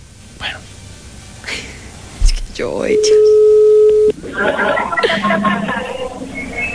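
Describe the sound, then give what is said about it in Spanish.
A telephone ringing tone from an outgoing call sounds once as a steady, mid-pitched electronic hum lasting about a second, clear and fairly loud, with people talking and background chatter before and after it. “Está sonando.”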